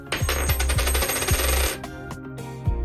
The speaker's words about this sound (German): Also werfen wir eine Münze.